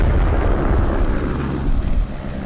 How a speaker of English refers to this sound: From a helicopter high above Juneau, the ice unspools from the mountain like a frozen ribbon.